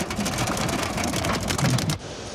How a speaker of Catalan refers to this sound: Ha caigut en punts com Castelló de la Plana, Borriana ahir les Alqueries. La pedra ha emblanquinat esta zona litoral i la pluja està present fins ben entrada la nit. Granís persistent i pluja que també ha sigut intensa a les comarques del nord.